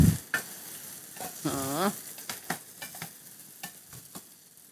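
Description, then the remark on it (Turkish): Crackling sizzle of vermicelli toasting in a hot pot, with sharp clicks and scrapes of stirring and a brief voiced sound near the start, moderately loud. “Biraz da şehriyem kavrulsun.”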